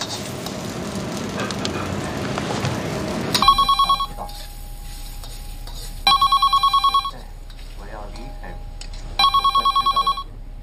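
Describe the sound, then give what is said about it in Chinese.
A telephone rings in three separate bursts of rapid electronic trills, each lasting about a second, following a stretch of noisy rumbling background at the start. “电话你不知道接一下啊？”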